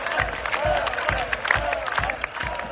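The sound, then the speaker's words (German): A large crowd at a band's concert chants the name of a fan brought onto the stage, loud and rhythmic, in unison, with steady repeated beats about twice a second over a dense wash of cheering. “Da liegen sie sich in den Armen, er und der Frontmann der …, und das Publikum ruft seinen Namen.”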